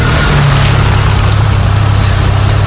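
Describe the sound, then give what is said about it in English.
A parked car's engine idles steadily, a constant low rumble with a faint rhythmic throb and no voices, holding the same level throughout. “We're talking engine idling”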